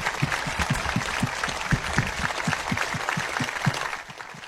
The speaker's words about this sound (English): Those are the men and women that run to the problems, not away from the problems. And they do it on our behalf. And I think they deserve a round of applause from all of us right now. Will you join me?